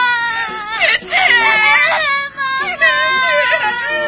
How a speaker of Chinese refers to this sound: 女儿的哭声没能唤醒曹洪亮的人性